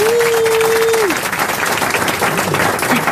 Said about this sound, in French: J'ai cru que le public sifflait Hector Obalk parce qu'il connaissait pas Ribéry.